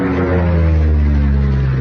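A steady, loud propeller engine drone with a deep harmonic hum, holding constant throughout with no voices, like a small airplane running.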